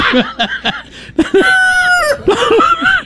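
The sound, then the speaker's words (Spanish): A rooster crows loudly, one long drawn-out cock-a-doodle-doo with a rising and falling strained pitch, surrounded by some clucking and scratchy background noise. “4 segundos, Carlitos. No, si ahora duró un poquito más.”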